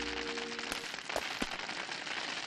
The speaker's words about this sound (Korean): 잠깐만, 하늘에서 떨어지는 얼음이라면 혹시... 아, 아, 이건 우박이야. 우박이라고? 어서 피하자.